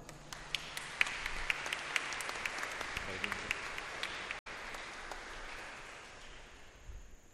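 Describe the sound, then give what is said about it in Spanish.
An audience at a Holy Eucharist Mass in a church applauds for several seconds, a dense, reverberant wash of many hands clapping at once, with a brief dropout midway before the applause carries on and slowly thins. “Vamos a darle un fuerte aplauso.”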